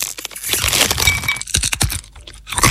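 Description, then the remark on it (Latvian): Crunchy nuts being chewed in an advert for the Latvian online snack shop Riekstījums LV, a loud, dense run of crackling crunches with sharp brittle snaps clustered near the end. No voices are heard. “Kraukšķīgi rieksti, žāvēti augļi un cik tas gardas uzkodas.”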